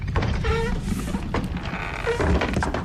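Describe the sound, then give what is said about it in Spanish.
A hidden door grinds open with creaky, groaning squeals and a few heavy mechanical thunks, over a low continuous rumble with no voices. “Uy, uy, uy, si mi intuición novelesca no me falla, eso suena con puerta secreta.”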